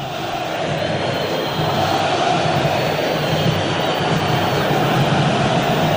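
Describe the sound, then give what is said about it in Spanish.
A stadium crowd of Tigre football fans roars steadily during a match against Nacional, a dense, loud wash of cheering voices that holds unbroken for several seconds and swells slightly partway through, with no one speaking over it. “Y la gente de Tigre, ¡escuchala!”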